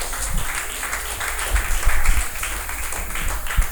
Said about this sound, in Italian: Quindi veramente ancora un applauso immenso a questi ragazzi.